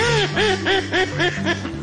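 A duck quacks about six times in a quick, steady series, each call nasal and fairly loud, over a low background hum with no talking.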